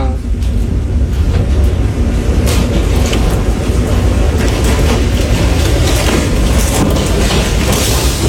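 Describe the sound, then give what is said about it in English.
A tornado roars outside a house like a freight train, a loud, unbroken low rumble with a rushing hiss on top that holds steady for the whole stretch. “Bro, there's a tornado outside.”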